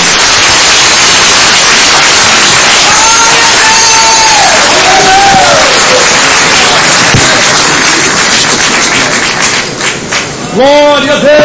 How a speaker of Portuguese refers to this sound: com aplauso lindo para Cristo.